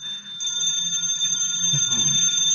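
A telephone rings with a steady, high-pitched, bell-like tone that starts after a brief pause and holds continuously without breaks, fairly loud over a low background hum. No one speaks.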